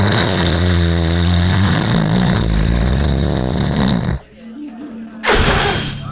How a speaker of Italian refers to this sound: Che schifo, hai sputato davvero.